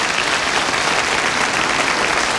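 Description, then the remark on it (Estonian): Steady applause from an audience voting on whether they believe a claim, a dense, even wash of many hands clapping at once, fairly loud, with no voices on top. “Need aplodeerivad praegu, kes usuvad, et see oli nii.”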